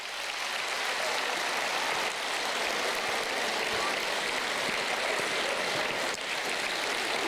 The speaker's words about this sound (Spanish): ¡Aplauso para la fe!